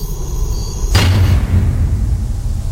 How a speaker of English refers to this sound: Well, here I go. I'm gonna close the door now.